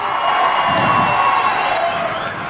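A crowd applauds and cheers loudly and steadily, a dense wash of clapping and shouting voices that holds at full strength for a couple of seconds before easing slightly.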